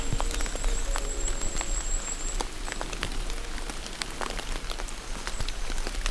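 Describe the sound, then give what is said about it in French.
Steady rain patters on a surface, with scattered sharper drops and taps standing out from the dense wash of falling water. Continuous, with no voices. “la pluie.”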